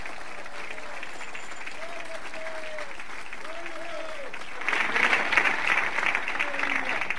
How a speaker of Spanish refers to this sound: Si le va a dar palmas, se las da fuerte a Cristo, hermano.